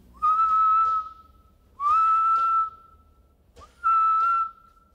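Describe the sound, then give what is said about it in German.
Three long, steady tonal whistles, each sliding up briefly at the start before holding a clear high-pitched note for about a second, separated by short pauses, with no voices; an animal's ultrasonic whistle, inaudible to humans, slowed down tenfold to make it audible. “Aber sollten wir das jetzt einfach zehnfach verlangsamen, dann können wir den Pfiff hörbar machen und dann hört sich das ungefähr so an.”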